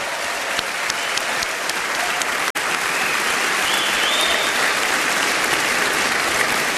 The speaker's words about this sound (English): Let's have some applause for all four of our jazz masters.